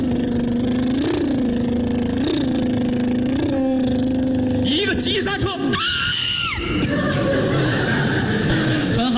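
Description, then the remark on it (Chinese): In a comedy skit, a voice imitates the assistant director riding off on a motorcycle, droning steadily with three rising revs, then a sharp burst and a high whining rev before the sound breaks into loud, noisy sputtering. “副导演骑上了摩托车， 咔咔，砰，油，砰。”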